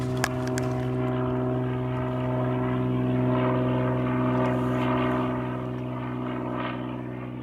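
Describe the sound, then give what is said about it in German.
A low-flying propeller aircraft passes over a protected beach bird breeding and resting area, droning steadily with a deep, humming engine tone, swelling slightly in the middle and easing off toward the end; its flight path is being noted as a disturbance. No one speaks. “wir schreiben einmal auf, wo der Flieger ungefähr lang fliegt”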